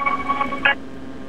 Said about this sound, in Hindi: Radio की आवाज़ थोड़ी कम कर दें क्योंकि आपकी आवाज़ है।